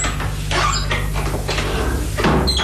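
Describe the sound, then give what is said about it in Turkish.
A door is pushed open with a series of creaks and scraping groans, fairly loud, over a steady low hum, with no voices. “İyi ama yani kapının açık olduğunu mu söylemek istiyorsun?”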